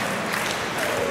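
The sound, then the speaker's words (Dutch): A darts crowd in the hall clapping and cheering in a dense, steady wash of noise that holds at an even level for about a second, with no pauses or individual voices standing out. “Nou, er is toch weer even een beetje leven in de zaal gekomen.”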